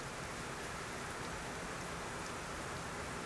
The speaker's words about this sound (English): The work is threaded throughout by the recurring presence of water, a trickling, flowing, resonating, and transforming presence